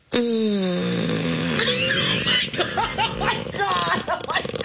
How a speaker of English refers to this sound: Please stop playing that snoring. You're snoring.